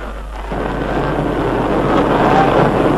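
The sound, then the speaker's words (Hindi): A steady, broad airplane engine roar swells after a quiet start and keeps growing louder as the plane approaches from the horizon, with a low rumbling drone and no voices. “अब वो देखो क्षितिज पर अपना विमान आ रहा है।”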